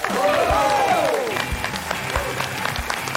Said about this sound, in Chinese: 那接下来掌声有请著名的相声演员刘伟老师。